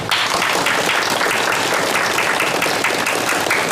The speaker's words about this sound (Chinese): 现在开会啊，让我们以热烈的掌声欢迎